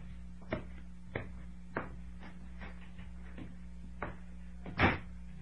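A door shuts with a solid thump after a few soft clicks and knocks, like footsteps or a handle, all set against a steady low electrical hum with no voices.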